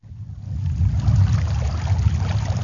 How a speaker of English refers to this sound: is waist deep in the Colorado River, casting a fishing line into the current. All around us are these crazy red rock walls of the beginning of the Grand Canyon.